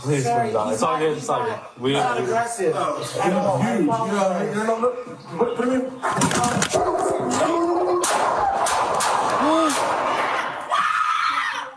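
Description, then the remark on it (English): Four sharp, loud gunshots ring out in the second half, amid frantic shouting and a scream, as a police officer fires at a woman's pet dog Jameson, a golden retriever poodle mix, in police body cam video; earlier, voices talk and call out before the firing begins. “Four gunshots.”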